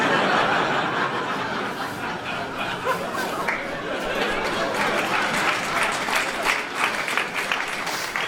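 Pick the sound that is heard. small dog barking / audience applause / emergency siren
audience applause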